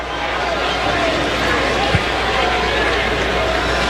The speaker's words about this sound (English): You hear the buzz of the crowd down the first base line, those Mariner fans.